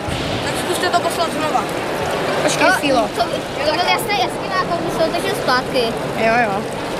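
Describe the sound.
A steady rush of water flowing through a small scale model of a canoe channel with movable obstacles, continuous throughout, with several voices chattering over it.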